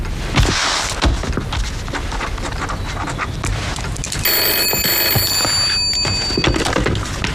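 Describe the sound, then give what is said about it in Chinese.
A phone starts ringing partway through, a steady bright electronic trill with high harmonic tones, sounding over a busy, noisy background. “你们先出去，我接个电话。”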